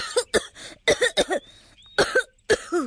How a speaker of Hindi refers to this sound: रानो मीना और दीपू को ढूंढ रही थी और उधर रसोई घर से उठते धुएं की वजह से दीपू खांसने लगा।